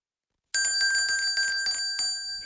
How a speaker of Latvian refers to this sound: Zvaniņš nošķinda, kad Rīgā, Riharda Vāgnera ielā, dodamies iekšā farmācijas muzejā, un iespējams, kāds zvaniņš atskanējis arī varot seno aptieku durvis.